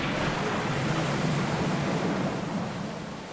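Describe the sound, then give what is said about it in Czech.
Rough, stormy sea waves crash and wash continuously against the ship Argo, a dense, steady roar of surf and spray with wind noise, loud throughout, no voices. “Zastavte bouři, pane Scrooge.”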